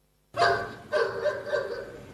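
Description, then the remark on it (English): A dog barks about three times in quick succession, each bark loud and slightly drawn out, with no talking. “Is your dog barking at the moon?”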